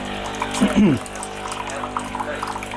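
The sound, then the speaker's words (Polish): During maintenance, a machine hums steadily as a lot of water gushes and splashes through it into a container placed beneath, a continuous pouring sound with a brief louder burst near the start. “on w ogóle ma też coś takiego, stary model tego nie miał, że on się dość dużo tłucze, dość dużo tej wody przez siebie przelewa.”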